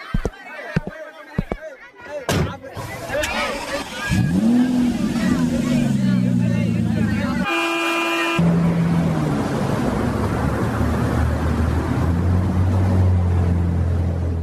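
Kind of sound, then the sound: vehicle, car driving along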